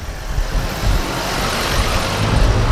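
A jeep driven around by a man drives along with a steady, rumbling engine hum that stays loud throughout, low and continuous with a faint wash of road noise and no voices.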